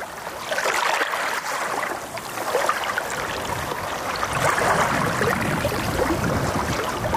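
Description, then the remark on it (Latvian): Continuous watery sloshing and trickling as sea water in a bay laps and washes over a stony shore with patches of sand, on a day with light wind, with a steady fizzing texture and gentle surges rather than distinct crashing breakers. “Te ir akmeņaina jūra un te ir smilšu placīšu.”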